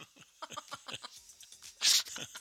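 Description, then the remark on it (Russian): A single sharp, loud sneeze bursts out near the end, right after a stretch of talking, with a brief murmur of voice continuing just after it. “Это я так чихну.”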